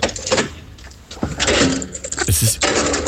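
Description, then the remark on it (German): A heavy underground garage door clanks and rattles as it is unlocked and pushed open by someone fetching their car, with a metallic grinding scrape and a sharp hissing burst near the end, fairly loud. “Und das war das Geräusch der Tiefgaragentüre.”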